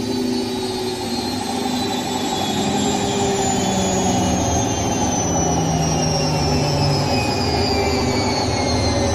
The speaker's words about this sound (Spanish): El tambor de la lavadora va a tal velocidad revolucionado que el vestido es solo una rápida mancha descolorida que da vueltas enloquecidas.